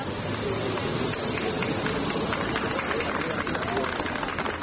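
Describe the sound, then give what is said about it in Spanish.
A group of people at Hospital Gómez Ulla in Madrid applauding steadily as 14 Spanish passengers evacuated from a virus-affected cruise ship arrive, dense overlapping claps forming a continuous wash of sound, with crowd voices and hubbub mixed in throughout. “Sonido de su llegada al hospital, donde eran recibidos entre aplausos por un grupo de personas.”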